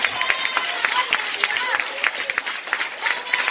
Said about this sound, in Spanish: Oye, un aplauso de alabanza.